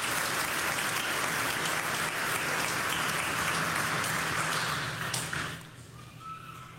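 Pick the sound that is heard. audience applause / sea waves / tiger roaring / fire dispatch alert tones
audience applause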